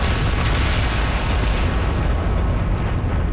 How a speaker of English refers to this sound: Billions of years ago, not long after the Earth itself formed, our planet was moonless. And then, scientists think that a planet-sized object smashed into the Earth, kicking up debris.